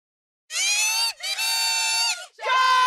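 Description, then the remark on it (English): A PWHL hockey crowd, the sound of Ottawa Charge home fans at the Canadian Tire Centre, cheers loudly in three sustained, high-pitched surges of screaming, with brief dips between them and no one speaking. “A sound that will fill the Canadian Tire Centre tonight as the Ottawa Charge return home for Game 3.”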